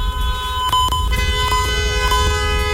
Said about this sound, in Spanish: Sí, o sea, el claxon, güey. Ah. Vamos a ver, toda la gente con el claxon, claxon.